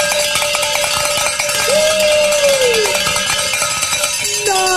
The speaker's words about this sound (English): Let's say the Share-a-thon bell ringing celebration prayer,